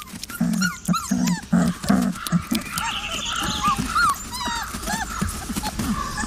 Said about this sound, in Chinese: 仔嗷嗷待哺，向母亲祈求食物。